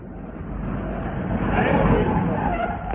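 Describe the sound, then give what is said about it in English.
A boat train arriving at Dumpton Heath station brakes to a stop, a loud, sustained grinding screech with heavy rumble underneath, swelling toward the middle and holding steady as it slows. “That's why I accepted the menial task of stable boy at the Ernie Binsdale Circus and took the train south for Dumpton Heath.”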